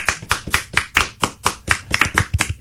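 A small, sparse round of applause from three people, their claps landing in an uneven, loosely overlapping rhythm for a few seconds, sharp and moderately loud, with no voices.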